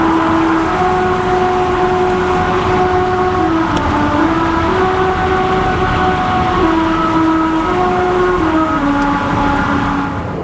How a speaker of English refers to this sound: And this is a singing road. The song is made by car tires passing over grooves cut into the road. It's kind of like a rumble strip on the side of the highway, but more melodic.